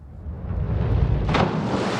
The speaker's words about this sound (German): Ihr ultimativer Sprung ist das volle Brett. Das ist halt eine Landung aus dem Splash-Diving und das soll es halt so laut wie möglich knallen und hochspritzen das Wasser quasi.